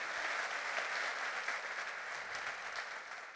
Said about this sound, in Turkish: alkışlarımızla sahneye davet ediyoruz. Buyursunlar lütfen.